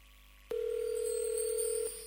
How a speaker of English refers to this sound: Come on, girl, pick up the phone.